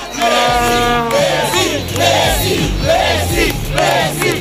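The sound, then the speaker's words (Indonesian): Hundreds of football supporters gathered in the streets at the Obelisk monument in central Buenos Aires, Argentina, sing a birthday song for Lionel Messi. It is loud and steady, with many voices chanting the melody in repeated rising phrases over a constant roar. “Mereka berkumpul di Monumen Obelix untuk menyanyikan lagu ulang tahun dan memberikan penghormatan kepada Lionel Messi yang kini tengah berjuang di Piala Dunia.”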